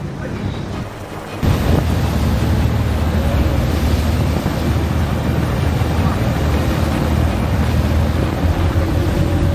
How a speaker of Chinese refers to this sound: 他的发动机就没关，随时在准备逃窜。一看到这个船打满舵，6台发动机同时开足马力逃窜的时候，我们就立即拉响了这个警报。